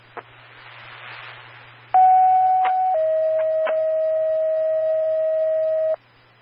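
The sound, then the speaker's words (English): County Sheriff's Office radio paging tones for Eagle River Fire, sent for a fire alarm call: after a burst of static hiss, a loud steady tone holds for about a second, then drops to a slightly lower tone held for about three seconds before cutting off. “County Sheriff's Office with the page for Eagle River Fire.”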